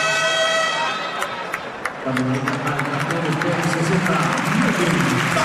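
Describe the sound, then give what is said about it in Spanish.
A large basketball arena crowd claps and cheers in a loud, steady wash of applause as player Melvin Panzer goes to the bench, with a brief horn-like tone near the start and voices talking over the noise. “Melvin Panzer va al banquillo, el público aplaude y la vuelta a la pista de Kendrick Perry.”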